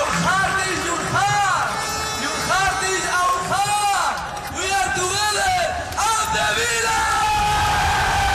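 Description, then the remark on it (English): A large outdoor crowd of thousands of football fans at an open-top bus parade through Birmingham, celebrating a Europa League trophy win, cheers and yells continuously, with loud bellowing shouts and whoops rising and falling over a dense roar of voices. “lifted the Europa League trophy again in front of thousands of fans in Birmingham”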